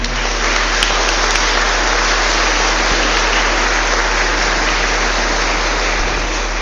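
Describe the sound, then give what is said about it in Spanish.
A church audience applauding the organizers and devotees of a parish feast in honor of Saint Francis of Assisi, a steady dense wash of many hands clapping at once, loud and sustained for the whole stretch with no voices standing out. “Démosles a ellos un fuerte aplauso.”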